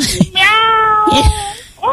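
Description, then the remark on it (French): A person does a loud, drawn-out vocal meow imitating a cat, one long harmonic cry lasting about a second, followed by a shorter voiced sound and the start of another. “Tu veux que je fasse quoi d'autre, le chat? Miaou!”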